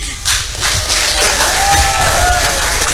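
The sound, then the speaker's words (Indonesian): A crowd of young students applauds and cheers at once, with steady dense clapping under rising shouts and whoops that keep going, loud and sustained throughout. “Ini mentang-mentang masanya paling banyak nih, tepuk tangan terus ya adik-adik ini ya.”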